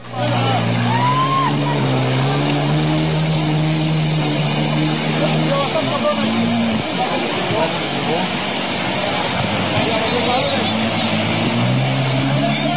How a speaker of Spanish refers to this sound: Vamos a escuchar un poco parte de la fuerza del agua, de cómo se escuchaba. Así fue el momento.